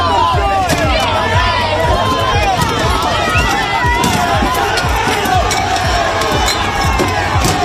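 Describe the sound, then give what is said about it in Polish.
A chaotic street clash between protesters and police in Bologna, Italy, during riots sparked by a man's death in a police intervention: a dense crowd shouting and yelling over constant running footsteps, with sharp bangs and thuds breaking through the loud, continuous uproar. “To fragment starcia protestujących z policją.”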